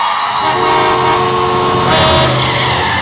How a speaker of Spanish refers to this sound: El tránsito. Si estás harto de los que no avisan sus maniobras.